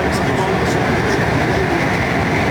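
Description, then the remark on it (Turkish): A metro train on Istanbul's newly opened Gayrettepe metro line roars along at high speed, reaching 120 km/h on its first ride, driven by Recep Tayyip Erdoğan; a loud, steady rumble of wheels and rushing air fills the whole clip. “İlk defa biz bu metroda 120 kilometreye çıktık.”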